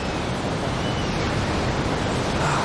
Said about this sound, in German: Das Meeresrauschen, Sand unter den Füßen und in irgendwelchen Ritzen, wo ihr den Sand eigentlich nicht haben wollt.